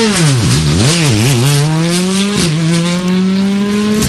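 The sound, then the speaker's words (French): A loud race car, car number 8, revs its engine in a few quick bursts at the start, then climbs steadily in pitch as it accelerates hard and pulls away, with no voices over it. “C'est la voiture numéro 8 donc de Stéphane Samkaufrev qui a pris le départ.”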